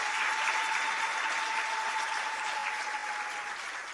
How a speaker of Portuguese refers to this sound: e queria pedir uma grande salva de palmas para a sua Excelência.